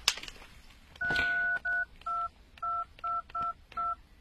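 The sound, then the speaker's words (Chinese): A sequence of about seven telephone keypad tones, short evenly spaced beeps of paired pitches, clear, with no one speaking, as a phone number is dialed to call someone. “啊，麻烦你给他打个电话，就说有事情让他来一下。”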